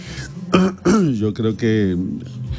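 A raspy throat clearing and a couple of short coughs in quick succession, with strained, voiced rasps between them, loud with no other sound around.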